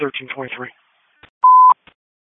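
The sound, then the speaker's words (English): A brief burst of radio-style talk, then a short, loud, steady EMS dispatch alert tone lasting about a third of a second, framed by faint clicks from a dispatch radio; the tones are for a seizures call at the Franklin School, 428 South Albert Street. “Disregard the tones.”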